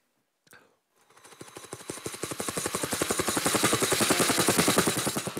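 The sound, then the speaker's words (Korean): A voice imitates a helicopter, copying a webtoon artist's one party trick, with a rapid, rhythmic chopping pulse that starts after a brief sound, builds steadily in loudness, and holds a fast regular beat over a breathy, buzzing rush. “그걸 제가 따라했습니다. 헬기 소리거든요.”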